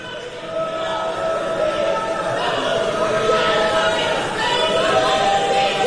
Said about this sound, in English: And you may have heard the word genocide there. Those people in that crowd yelling at Joe Biden for not being critical of Israel enough